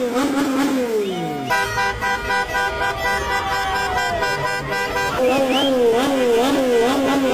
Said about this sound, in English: It's like a motorcycle.